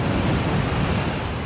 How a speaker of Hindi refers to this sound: लहरों का ये शोर डरा रहा है